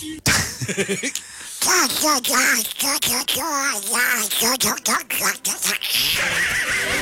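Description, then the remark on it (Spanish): A man's voice imitating Donald Duck as a greeting, with raspy, garbled quacking speech delivered in rapid, continuous bursts for several seconds, loud. “Un saludo con la voz de del pato Donald.”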